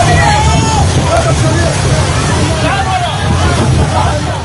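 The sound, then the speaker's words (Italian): Many people on the Gaza shore talk and call out at once in the open air, their voices overlapping into an indistinct hubbub over a steady low rumble of wind or surf, continuous and fairly loud, as they try to recover the solar panels from a crewless boat washed ashore. “Quello che state ascoltando è il sonoro di un video ricondiviso dalla flottiglia e mostra alcune persone che tentano di recuperare i pannelli solari della barca, fondamentali nella striscia per la carenza di carburante.”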